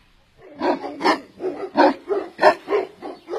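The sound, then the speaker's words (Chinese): Two police dogs, Ahei and Juanmao, bark loudly and insistently at room 1525, a rapid series of about eight sharp barks in quick succession with no pauses and no talking over them. “呵，这警犬可真是灵啊，你看他们对着1525室狂叫不停，犯罪嫌疑人啊一下子就认定了。”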